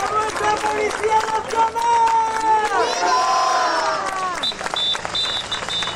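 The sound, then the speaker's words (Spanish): A large protest crowd chants slogans and shouts together in loud, sustained voices during a march that cut traffic on the Nacional 352 road, the massed cries rising and falling, with a few higher whistles or shrill calls cutting through near the end. “Este es uno de los lemas que se viene escuchando desde un primer momento”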